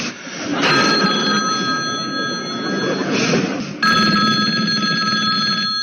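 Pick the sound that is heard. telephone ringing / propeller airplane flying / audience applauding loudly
telephone ringing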